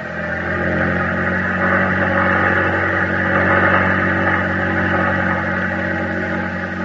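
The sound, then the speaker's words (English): The engine of a small Navy boat with a crew of eight runs at full throttle on the ocean, a loud, steady droning roar with a buzzing harmonic hum that holds constant for the whole stretch, no voices over it. “Full throttle! We're almost there.”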